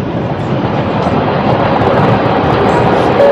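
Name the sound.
train running on railway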